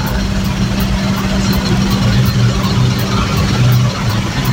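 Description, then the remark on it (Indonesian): A steady, dense rumble of idling engines in a traffic jam at Kaligawe, Semarang, on the road toward the harbour, both on and below the toll bridge, low and continuous, with a faint regular ticking high above and no clear speech. “Yang bawah juga macet semua.”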